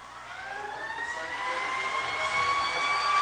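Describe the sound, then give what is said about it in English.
A siren sound effect played at a football game after an overtime touchdown wails with a steadily rising, harmonic-rich pitch, swelling louder over about three seconds against a dense, noisy backdrop, with no voices heard. “And they're playing some background effects, a siren.”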